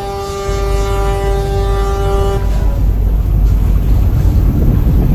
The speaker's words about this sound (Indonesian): Tepat pukul 8:15 waktu Indonesia Tengah, kapal pun mulai berlayar menuju Pulau Sabutung. Deru mesin kapal menghiasi perjalanan pagi itu ke pulau dengan waktu tempuh 30 hingga 45 menit.